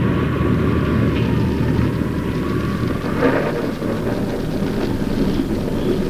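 A violent storm roars steadily, with heavy wind and rain forming a dense, unbroken wash of noise and a deep low rumble underneath. It stays loud throughout, with no voices.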